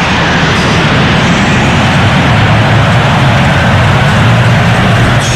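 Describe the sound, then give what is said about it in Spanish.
A loud, steady roar of military jets flying low over a stadium, a dense rumbling wash of engine noise that fills the whole stretch without pause or voices. “Con aviones del ejército, ¿no? Pasando por encima del estadio.”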